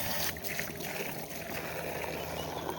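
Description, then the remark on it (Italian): Water from the Fontana di Orso, a public fountain, flows and splashes in a steady, unbroken rush, even in level throughout, with no voices. “Ed eccoci alla fontana di Orso, finalmente.”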